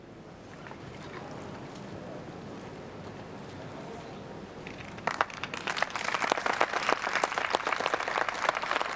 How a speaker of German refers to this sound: Applaus von den Anwesenden des UNESCO-Jugendforums.